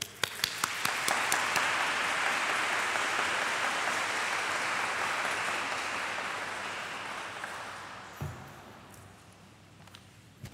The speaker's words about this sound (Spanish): Y hoy todos somos panameños, así que vamos a darle un aplauso grande a la Virgen.